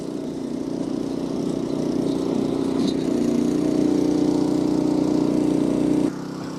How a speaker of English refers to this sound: Single-cylinder engine, 0.16 litres, top speed, 3. I'm going to call it the James May.